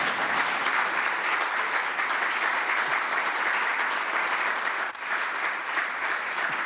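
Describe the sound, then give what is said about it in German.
Steady, sustained applause from a sizable audience gathered for an event in Heiligenkreuz, many hands clapping densely and evenly for several seconds, fairly loud, with a brief dip near the end before it continues. “Also wenn Sie nicht klatschen wollen, mache ich gleich weiter.”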